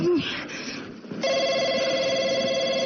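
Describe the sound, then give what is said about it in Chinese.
A telephone starts ringing after about a second of background noise, then holds a loud, steady, buzzy electronic ring until the end, with no one speaking over it. “接电话说什么？”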